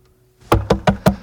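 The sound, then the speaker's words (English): Five firm knocks on a door in a quick, even rhythm, loud, after a brief quiet moment. No one speaks. “let me in, please open the door.”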